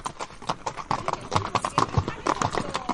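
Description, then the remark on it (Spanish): Horse hooves clip-clop steadily during a horseback ride in Andalusia, a brisk run of sharp, hollow knocks. Voices murmur in the background beneath the hoofbeats. “Te invitamos a conocer Andalucía de una forma muy especial, a caballo.”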